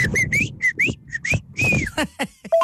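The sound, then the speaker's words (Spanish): A person whistles a call signal: a quick run of short, rising whistled notes, repeated in a patterned phrase, loud and clear with some breathy noise underneath. “¿Pero cuál era el chiflido, chiquis?”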